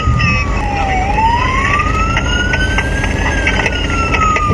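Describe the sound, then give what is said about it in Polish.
A police siren wails, its pitch sweeping slowly up and down over the loud, steady rumble of a moving vehicle, during a police chase of teenage motorcyclists on electric motorcycles in Rybnik. No one speaks. “Pościg policyjnej grupy Speed za nieletnimi motocyklistami w Rybniku.”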